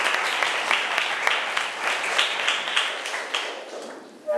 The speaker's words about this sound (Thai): เก่งมากๆเลยปรบมือให้ตัวเองหน่อยค่ะ